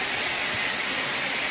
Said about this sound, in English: Lots of water. How do you even stop it? So, this thing smacks that. The water's gushing everywhere.